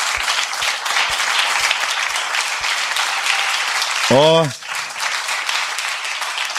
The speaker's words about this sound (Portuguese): Vamos aplaudir a Jesus mais uma vez.